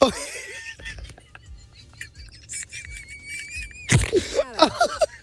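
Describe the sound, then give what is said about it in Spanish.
A pig squeals in a series of shrill, wavering cries, with a sharper, louder burst of squealing near the end over a low background rumble. “Ay, el puerco salió.”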